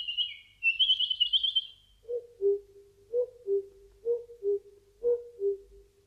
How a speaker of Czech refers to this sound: V lese bylo ticho, jen ptáci zpívali.